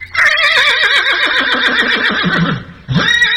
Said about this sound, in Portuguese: É, você escutando aí os relinchos dos cavalos, na sexta-feira, lá, no, lá na minha querência, lá no Rodeio Bonito, lá onde eu me criei, né?